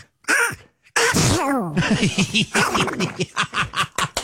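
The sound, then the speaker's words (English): A man imitates Donald Duck sneezing: a short wind-up, then an explosive nasal burst followed by a string of squawky, quacking sputters, loud, with no one else speaking. “Okay, Donald Duck sneezing.”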